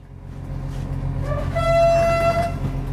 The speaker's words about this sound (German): Schnellzug Nummer 889 hat den Hauptbahnhof Vilnius in Litauen pünktlich um kurz vor 7 verlassen. Ganze 3 Waggons ist der Zug lang und schnell ist zumindest das WLAN an Bord. Der Zug fährt eher gemächlich durch den grauen litauischen Morgen.